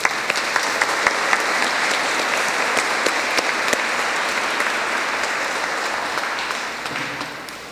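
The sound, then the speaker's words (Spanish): An audience at the end of a Mass breaks into sustained applause for the Virgen del Rocío, a dense wash of many hands clapping at a steady, loud level that thins slightly toward the end. No one speaks over it. “Terminamos con un aplauso a la Virgen del Rocío.”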